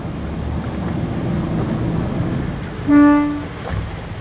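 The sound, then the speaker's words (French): A single short, loud horn toot from a dive boat, sounded to call divers in the water to come and hold on to the boat, about half a second of steady tone, over a continuous wash of waves and wind buffeting the microphone. “on va s'approcher du bateau et puis hop, il va mettre un petit coup de klaxon”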